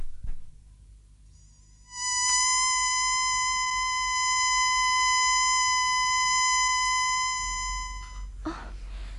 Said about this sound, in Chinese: 好，等我发出紧急口哨，召佢哋翻嚟，大家集中埋一齐比较好啲。